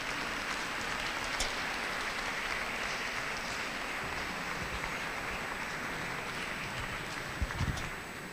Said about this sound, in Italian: Forza e coraggio bambini, tutti su! Accogliamoli con un applauso!